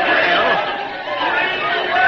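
A crowd of people clamoring, a dense, steady wash of overlapping voices at a constant loud level with no single speaker standing out.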